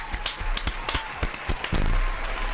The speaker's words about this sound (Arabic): الحين يلا صفقوا لأنفسكم على هذه الإجابات الجميلة اللي تدل على وعيكم وحرصكم.